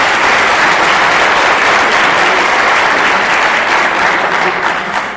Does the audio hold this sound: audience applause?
yes